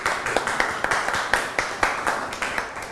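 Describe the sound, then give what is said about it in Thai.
A classroom of children claps together for group 6 after they answer correctly, in a steady, even rhythm, the sharp beats repeating about four times a second over a soft background murmur of the room. “ดินสอไม้บรรทัดเก่งมากอบปรบมือให้กลุ่ม6ค่ะ”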